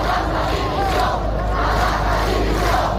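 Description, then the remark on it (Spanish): A large crowd of about 40,000 people at a rally in Seville shouts and chants against the Interior Minister in a continuous, loud roar of many overlapping voices, sustained steadily for the whole stretch with no pauses or single speaker standing out. “En la concentración de Sevilla, donde se han reunido unas 40.000 personas según la policía, se han escuchado gritos contra el ministro del Interior.”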